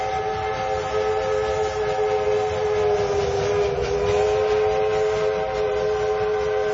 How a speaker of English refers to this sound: It's a steam train. Going through the city. Making a steam train noise. How glorious is that?